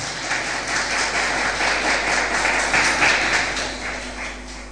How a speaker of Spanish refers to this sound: ¿Cuánto dicen gloria a Dios? Den un aplauso, por favor, al Señor.